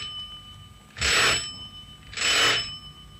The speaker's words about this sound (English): The world was just chock full of silence after I rang the bell.